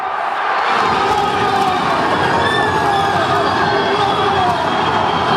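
A huge crowd of green-clad football supporters roars in sustained celebration of a victory last night in the ASS Rodez match, in a sold-out stadium, after a penalty shootout. A dense wall of cheering and shouting swells in the first half-second and stays loud throughout, with whistles and high voices piercing through.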